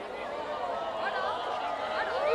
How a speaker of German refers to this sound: Hier wird es jetzt auch wieder heller und das gibt natürlich noch mal Jubel. Ne? Hört ihr jetzt vielleicht gerade noch mal.